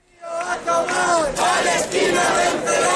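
A large crowd of thousands at a morning rally for Palestine chants "Palestina vencerá" and "que viva la lucha del pueblo palestino" in unison, voices rising and falling in a rhythmic, shouted cadence that stays loud and continuous throughout.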